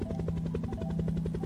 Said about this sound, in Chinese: 你听，这是从阳台来的哦。你看，有一架直升机飞过天空。你觉得直升机要飞到哪里呢？